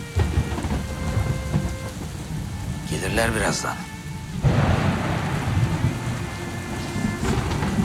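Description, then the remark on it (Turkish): Steady heavy rain pours throughout while a deep rumble of thunder swells midway, growing louder and denser; a voice speaks briefly over the storm near the start. “Işıklar kesilse de şimşek çaksa da karanlıktan korkmam ben artık.”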